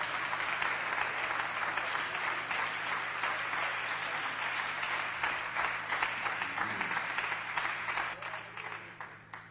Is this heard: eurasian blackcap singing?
no